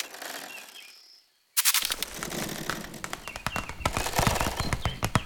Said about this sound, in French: Ce que j'entends là est, je crois, le bruissement d'une toute petite bestiole, discrète, active, infiniment légère. Une araignée.